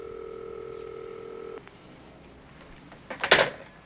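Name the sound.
telephone ringing unanswered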